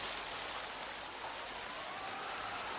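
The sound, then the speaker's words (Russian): Steady, dense hiss of strong icy wind driving rain and snow by Lake Khanka, constant and fairly loud throughout with no pauses or voices, like a cold storm. “Мешал сильный ледяной ветер. Вскоре пошел дождь со снегом.”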